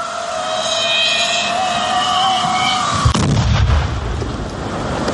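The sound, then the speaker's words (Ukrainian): An FPV drone's steady high-pitched whine, then a single sharp explosion partway through as its munition detonates on a target during a test of the munition's combat readiness, followed by a brief low rumble with no voices. “Зараз якраз буду працювати по мішені, перевіримо його боєздатність.”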